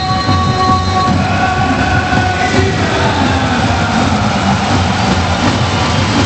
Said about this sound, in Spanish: Y así suena el Santiago Martín recibiendo a los suyos. Presentación del conjunto tinerfeño.